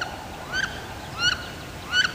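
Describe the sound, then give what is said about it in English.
Three rising, squealing wood duck calls, evenly spaced about a second apart, each a clear upward-sliding whistle heard alone with no voices and a faint, steady background hiss. “This is WSHU's Birdsong Break. This week, it's the wood duck.”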